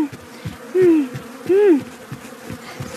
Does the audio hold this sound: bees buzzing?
yes